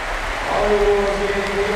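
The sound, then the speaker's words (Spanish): A stadium crowd at the Poljud stadium in Split gives a sustained ovation as Luka Modric is substituted off: a dense, steady roar of clapping and cheering that stays loud throughout, with a faint held tone running underneath. “Vamos a escuchar la ovación del Poljud.”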